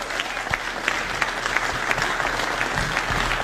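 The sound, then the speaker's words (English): An audience claps steadily for a few seconds, a dense, even patter of many hands at a moderate level with no voices standing out. “So how about some applause for that?”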